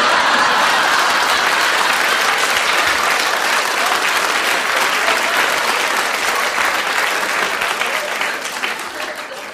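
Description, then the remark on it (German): Sustained audience applause on the radio show Radio Total, a dense wash of many hands clapping at steady loudness, easing off slightly toward the end, with no talking over it. “Ja, wenn Sie nicht bald klatschen, ist es verbrannt.”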